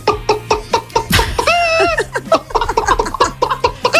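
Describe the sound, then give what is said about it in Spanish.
A person imitates a hen, with quick rhythmic clucks and a drawn-out squawk in the middle, then more clucking. The voice is loud and alone. “A ver, esto no es una imitación, es digamos un repertorio de granja de 5 estrellas. Mira, empezamos por la gallina.”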